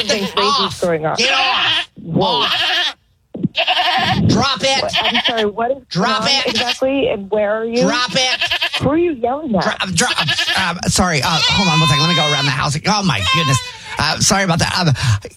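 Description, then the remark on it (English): Several goats used for eco-friendly landscaping bleat loudly and almost continuously after getting into a house, their wavering, overlapping cries filling the scene with only brief gaps. “Long story short, you know, we use goats to part of our eco-friendly way of landscaping, and a few of them decided to go ahead and make entry into your house, and I do have him trained like dogs”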